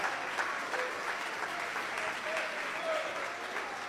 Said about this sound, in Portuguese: Quantas pessoas, meus irmãos, pode bater mais forte as palmas para Jesus?